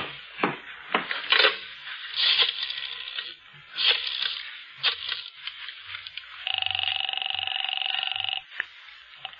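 A telephone is dialed, with a run of irregular mechanical clicks and clatter, followed by a steady, buzzing ring that lasts about two seconds, as a call is placed to the Wilshire Division detectives. It is fairly clear, with no one speaking.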